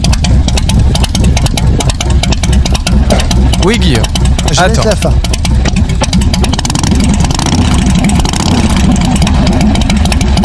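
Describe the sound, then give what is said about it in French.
A big Harley-Davidson motorcycle engine rumbles loudly and steadily, its throbbing idle swelling now and then into revs, while a person speaks briefly over the noise. “Un moteur de grosse moto, un moteur d'Harley Davidson, non? Et c'est Harley Davidson, c'est une excellente réponse.”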